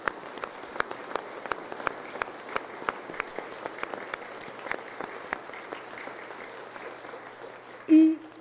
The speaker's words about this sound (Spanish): Y porque ustedes son los que construyen el reino, en esta parroquia de San Antonio de Padua vamos a dar un fuerte aplauso a la comunidad parroquial.